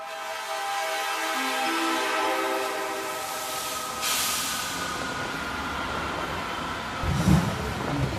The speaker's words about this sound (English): The world's highest railway carries us onward.